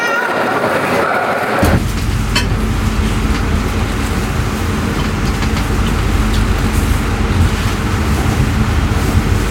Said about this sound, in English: Et là ça y est, je suis dans le train et je vais en Autriche pour la deuxième partie du voyage